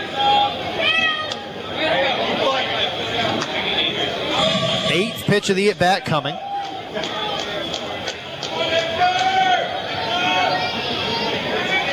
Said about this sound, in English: Crowd makes some noise on this Tuesday here in Wilson.